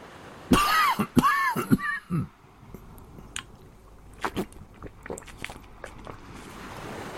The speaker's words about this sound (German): Ich hustete und trank die Flasche leer.